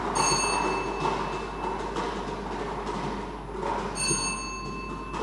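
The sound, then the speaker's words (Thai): A lottery number wheel is spun for the fifth time by a prize-drawing official, with a committee on duty at the wheel. It gives a steady rattling whir that fills the whole stretch, while bright bell-like chimes ring out at the start and again near the end. “พร้อมด้วยคณะกรรมการได้ออกมาประจำหน้าที่อยู่อุปกรณ์วงกลมพนักงานออกเลขรางวัลจะได้ทำการหมุนอุปกรณ์วงกลมเป็นครั้งที่5”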